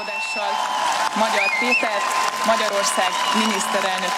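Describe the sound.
A large crowd in and in front of the parliament building cheers and claps as the new parliament president announces Péter Magyar as the new prime minister: a steady, dense roar of many voices and hands, with shouting and chanting voices rising above the noise throughout.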